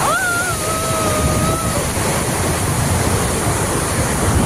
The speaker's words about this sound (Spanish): Es lluvia más granizo